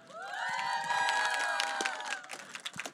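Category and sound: crowd, audience applause and cheering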